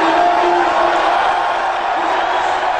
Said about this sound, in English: I mean, definitely boos. Definitely booing him big time. And but he said it was cheering.